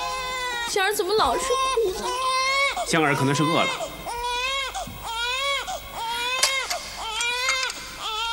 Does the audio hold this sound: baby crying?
yes